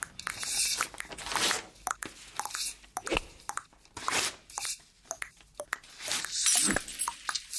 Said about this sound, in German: Sogar das Zerreißen von Papier wird zu einem Klang, der wertvoll ist.